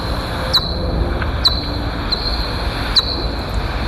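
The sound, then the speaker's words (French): Time-expanded pipistrelle bat calls: four high, squeaky downward chirps at uneven intervals, each trailing into a brief thin whistle, over a steady low hiss and rumble. “Des petits. Un caddie un peu rouillé. Ça fait quelque chose un peu. Voilà. Donc la petite pipistrelle qui chasse.”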